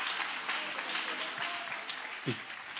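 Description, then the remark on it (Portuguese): Steady, dense applause from an audience at a religious gathering, welcoming a preacher, fills the whole stretch as a continuous hiss of many hands clapping, with a brief voice rising through it near the end. “Só quem quer saber o que é vai aplaudir com a melhor fé e maior alegria que você estiver aí.”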